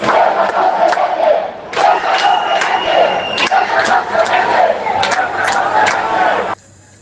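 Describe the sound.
A large crowd shouts together in loud, sustained chanting bursts with a brief dip in the middle, the roar of many voices filling the scene before cutting off abruptly near the end.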